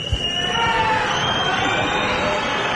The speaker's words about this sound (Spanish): Gritos de fuera, fuera, silbidos desde el público cuando la presidenta Chivite accedía al recorrido.